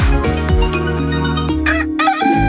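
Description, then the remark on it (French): A rooster crows loudly, a long cock-a-doodle-doo with a rising, quavering end, played over a bed of music with no voices. “Trouvez la bonne distance et passez du coq à l'âne sur Ici Roussillon.”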